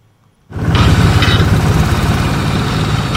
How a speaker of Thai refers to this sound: กองหินจำนวนหลายสูงกาย5เมตรที่ตั้งอยู่กลางลำแม่น้ำของและเสียงการก่อสร้างทั้งกลางเวนและกลางคืนคือสัญญาณที่บ่งบอกว่าปัจจุบันเขื่อนหลวงพะบางกำลังเร่งมือก่อสร้าง